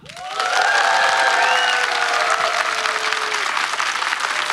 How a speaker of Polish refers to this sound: Brawa!